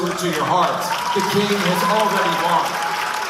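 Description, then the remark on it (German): A crowd at a Turning Point USA event in a hall at GW University cheers and applauds steadily throughout, with scattered shouts and whoops rising above a dense wash of clapping; the hall is not full. “zum Jubel der Teilnehmer, der lauter klingt, als er ist.”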